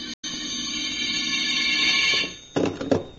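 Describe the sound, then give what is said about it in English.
A telephone rings in one long, steady, bright metallic trill after a brief break at the start, then cuts off and is followed by a couple of short clunks. “I could answer the phone.”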